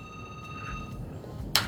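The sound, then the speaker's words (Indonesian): A telephone rings for an incoming call, a steady electronic tone held at moderate level over low background hum, ending with a brief sharp burst of noise. “Silakan kita kalian telepon lagi.”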